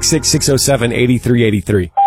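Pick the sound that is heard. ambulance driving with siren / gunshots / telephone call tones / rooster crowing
telephone call tones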